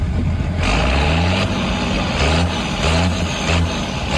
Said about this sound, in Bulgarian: Матурант во Загреб се појавил со трактор.